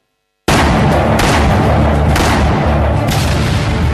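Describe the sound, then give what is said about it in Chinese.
Gunfire sound effect for the Marco Polo Bridge (Lugou Bridge) gunfire of July 7, 1937: loud, dense gunfire and booming blasts start abruptly after a moment of silence, continuing without pause, with heavier explosive thumps recurring roughly every second over a constant rumbling din. “1937年7月7日，卢沟桥的枪声震醒了沉睡的中华大地，全民族抗战的烽火就此点燃。”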